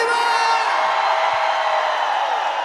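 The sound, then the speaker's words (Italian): A large crowd at the 105 Summer Festival in Malta screams and whoops continuously at high volume, a dense wall of cheering voices that holds steady throughout without pause. “Un urlo per gli amici di 105 Summer”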